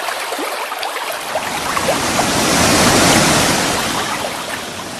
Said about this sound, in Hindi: जल का भारी सैलाब नीचे की ओर आने लगा।